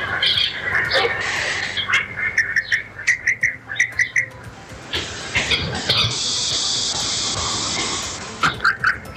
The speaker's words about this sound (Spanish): Eso me encanta, el sonido de la naturaleza en general, sea el ruido del agua, los pajaritos, el sonido del viento, todo.